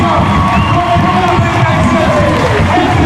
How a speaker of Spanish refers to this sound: Escuche la ovación con el 37. Henrik Martínez, debutante en la primera división, el chamaco del equipo blanquiazul.